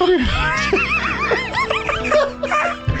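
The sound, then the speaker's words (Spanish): A voice imitates a dog huffing with a quick run of short, breathy, pitched puffs in an uneven rhythm, fairly loud, with a low steady hum underneath. “No dice wow. Dice uff.”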